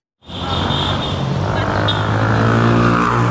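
Steady, dense roar of motor traffic in Cairo, Egypt, at a traffic island between two big streets, engines droning continuously with a broad low rumble and a faint high whine, no voices, filling the whole stretch at constant loudness.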